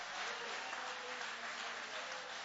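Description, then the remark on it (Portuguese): An audience applauds in a dense, steady wash of many hands clapping at once, sustained at an even level throughout with no distinct individual claps. “Pode aplaudir, querem aplaudir, aplaude.”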